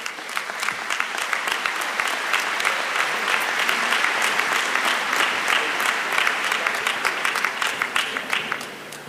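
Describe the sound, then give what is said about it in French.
An audience clapping steadily for several seconds, a dense, sustained wave of applause that holds at a fairly loud, even level before tapering slightly at the end; welcoming a priest who is the speaker for the teaching. “Il faut l'applaudir.”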